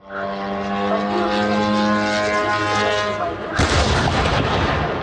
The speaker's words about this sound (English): In the city of Elektrostal, 60 kilometres east of Moscow, a Ukrainian drone crashes into a warehouse of the Russian retailer Wildberries. The explosions and resulting fires, which burnt for 3 days, so large they could be seen from space,